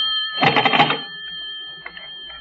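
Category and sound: household object, telephone ringing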